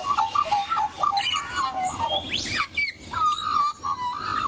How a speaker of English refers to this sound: Some of you, I wouldn't need to tell what bird that is. If I'd heard that sound, I would need to be told. It's a magpie.